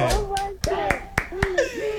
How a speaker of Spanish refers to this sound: Aplausos para ti.